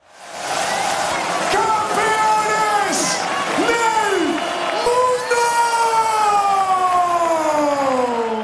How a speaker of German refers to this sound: Am Tag nach dem großen Sieg hat Spanien seine Fußballweltmeister gefeiert. Rund 2 Millionen Menschen versammelten sich laut offiziellen Angaben gestern Abend in der Hauptstadt Madrid, um der Fußballnationalmannschaft zuzujubeln.